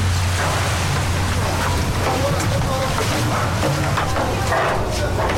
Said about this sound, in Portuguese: apanhei o barco para vir até à ilha de Santo Antão.